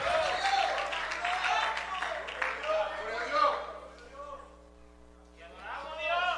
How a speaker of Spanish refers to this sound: Alguien le da un fuerte aplauso al Señor, aleluya.